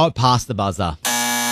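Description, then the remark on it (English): A voice speaks briefly, then a loud, harsh game show time-up buzzer cuts in and holds a steady, flat drone for about half a second until the end. “It was past the buzzer.”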